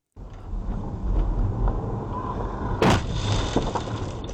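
A single loud, sharp crash as a high-speed e-motorbike slams into a car, heard over steady rumbling road and wind noise, with no one talking.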